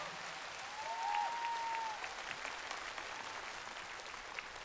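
An audience claps steadily for several seconds after a stage performance, a dense crackling patter at moderate volume, with a brief high whistle-like tone sounding over it early on. The applause thanks a performer, a guitar teacher and a Latin dancer.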